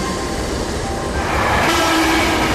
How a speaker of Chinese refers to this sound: 来来来，火车进站喽，还有我。还好我也不会塞车哟，我也是一路畅通。